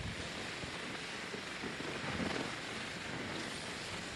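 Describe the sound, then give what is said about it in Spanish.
A steady, dense roar of tornado wind in the French department of Oza, in the southeast of France, from a tornado spawned by an afternoon thunderstorm. It fills the whole clip, loud and unbroken, with a broad rushing hiss and low rumbling buffeting underneath. No voices are heard. “Es el sonido de un tornado en el departamento francés de Oza, al sureste del país.”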